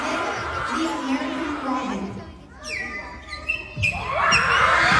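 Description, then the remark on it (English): A crowd of kids cheers and laughs loudly, breaks off as a kid imitates a squawking bird call, then erupts into wild cheering again, boisterous. “The kids are losing their mind.”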